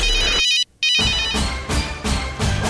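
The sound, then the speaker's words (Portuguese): A mobile phone ringtone in a Serra Dourada radio station promotion plays a bright, repeating electronic melody with steady harmonic tones, briefly cut by a short gap before the tune resumes and continues loudly with no voices. “Celular tocou, então quer dizer que tá na hora de anotar.”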